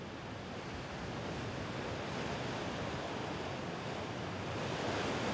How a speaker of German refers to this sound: Durch das Aufeinandertreffen von Wind und Strömung ist das Kap Lindesnes für die Schifffahrt anspruchsvoll. Die Kraft der See hier besonders zu spüren.